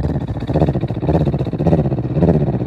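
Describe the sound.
A person imitates a cat's purr while breathing out, with a low, rattling, continuous rumble that pulses in quick rhythmic waves, steady and fairly loud for a few seconds with no words spoken.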